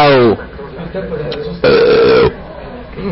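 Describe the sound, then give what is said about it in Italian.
A loud, drawn-out burp, caused by eating sandwiches, rumbles after a brief voiced sound at the start, with quieter background murmur in between. “Questi panini fanno ruttare.”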